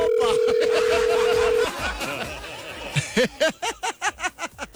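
A steady, loud telephone tone of an unanswered phone call drones for about a second and a half, then cuts off and gives way to a burst of rhythmic, pulsing laughter.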